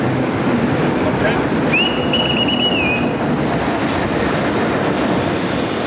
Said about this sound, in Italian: In quel momento arriva il treno alla stazione.